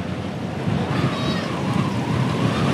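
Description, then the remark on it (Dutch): Strong wind rushes across the microphone of a radio reporter on a motorbike at the head of a cycling race stage, a steady, loud roar with deep low rumbling and buffeting that never lets up for the whole moment. “Wat vooral opvalt is dat het hier flink aan het waaien is.”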